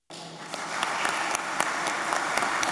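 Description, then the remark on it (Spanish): Sustained applause from the 60 senators present in the chamber of Peru's Senate for Senate president Miguel Torres after his first speech, steady dense clapping that begins abruptly and continues at an even level throughout, with a few sharper claps standing out. “En este momento recibe el aplauso de los 60 senadores presentes allí en el hemiciclo.”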